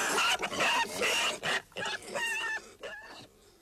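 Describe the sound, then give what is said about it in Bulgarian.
A trained pig performing tricks grunts and squeals in a rapid string of short, loud bursts, each call rising and falling in pitch before a brief pause, with no one talking. “С малко хитрости и няколко сушени череши може да научиш едно прасе на каквото си искаш.”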